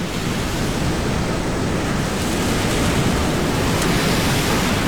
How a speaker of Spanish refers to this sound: Ben, pois, este son de mar, este son de olas, e o son que vai acompañar a Matthew Wright, o médico australiano que este mesmo domingo vai emprender unha viaxe increíble